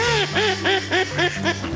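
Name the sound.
ducks quacking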